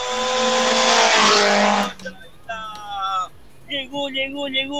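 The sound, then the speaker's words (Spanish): The rally car of José Carlos Justiniano and Diego Melgar, number 17, roars in loud for about two seconds as it arrives at Valle Abajo, then drops away abruptly as a man starts talking over faint background noise. “Llegó la máquina, por supuesto, de José Carlos Justiniano, con Diego Melgar, en el casillero número 17.”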